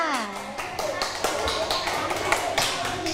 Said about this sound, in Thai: ขอเสียงปรบมือให้กับกลุ่มที่สองอีกครั้งค่ะ